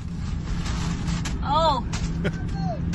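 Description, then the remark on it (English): Inside a car, a steady low road rumble carries soft, scattered thumps and a couple of squeaky rubbery rubs as about seven balloons knock and brush against each other. “This is me driving back home from the spa with the balloons in the car.”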